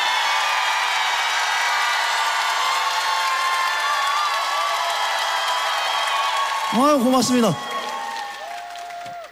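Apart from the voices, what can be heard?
audience applause and cheering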